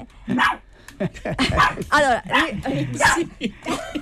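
During a live broadcast, a small dog that was provoked and frightened yaps and barks in quick, irregular bursts, breaking into high, wavering whimpers and whines in between; fairly loud throughout.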